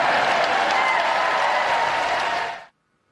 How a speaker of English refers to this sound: And I suppose from all that applause, you can infer that Trump is right.